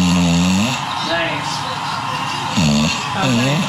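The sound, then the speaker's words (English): An English bulldog named Smooch snores while asleep on a person's foot, with loud, rumbling snorts at the start and end and a softer stretch between, as voices from a television and people talking murmur in the background. “You recorded this animal because it snores.”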